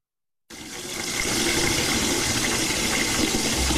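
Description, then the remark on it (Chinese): After half a second of silence, water starts running from a tap turned with a light twist in a public restroom and keeps flowing in a steady, loud, hissing rush with no voices. “不过，在公共厕所，这点水我们还是别省了。”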